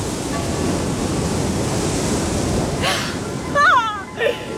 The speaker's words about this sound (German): Ich liebe die großen weißen Schiffe und die Wellen, die an die großen weißen Schiffe schlagen.